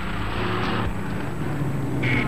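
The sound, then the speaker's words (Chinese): A car engine rumbles steadily, a low continuous drone with a brief higher whine near the end, as a car at a building's doorway picks someone up and drives off. “他刚出楼房，门口一辆汽车把他接走。”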